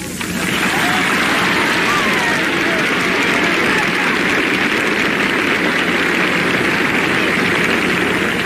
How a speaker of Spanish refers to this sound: Muy bien que lo aplauden, porque es verdad.